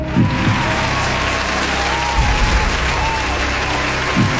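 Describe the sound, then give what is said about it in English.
A crowd cheers and applauds loudly and steadily for several seconds for a radio contest winner, a dense wash of clapping with a few whoops rising out of the noise. “Give me one more cheer for Brianne.”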